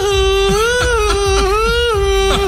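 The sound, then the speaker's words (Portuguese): A loud voice wails a sustained siren-like tone, its pitch swelling and sagging like an ambulance, held for the whole moment over a steady thumping beat. “Essa é a ambulância do amor? A ambulância do amor. Que isso? Vai chorando, vai gritando, mas vai.”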